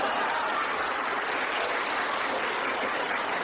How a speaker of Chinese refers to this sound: 下面我指挥啊。 哎，好， 这连乐带鼓掌啊。带头啊，小朋友们要尽量的把嘴张大一点， 哎， 声音就大了啊。 好好好好 啊，多谢啊。预备，连乐带鼓掌。